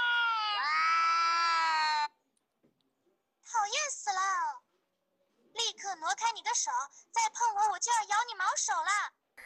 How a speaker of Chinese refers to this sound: 听见声音，边牧立刻主动贴贴，而如果播放两猫相遇炸毛的叫声，翻译器又说起了人话。